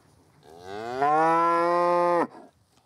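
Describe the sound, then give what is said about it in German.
A single long, loud cow moo, rising in pitch and holding steady for over a second before cutting off abruptly, with no talking; the cow is calling while waiting for its calf. “Und die wartet auf ihr Kalb. Das ist so, wo ist mein Kalb?”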